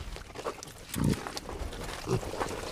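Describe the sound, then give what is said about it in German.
Schnappi, an eight-year-old breeding sow, gives two low, throaty grunts about a second apart, each short and rough, over a quiet background hum with no one speaking. “Ja, also die Schnappi, die da jetzt steht, die ist jetzt 8 Jahre alt, was schon viel älter ist, wie jede konventionelle Zuchtsau je wird.”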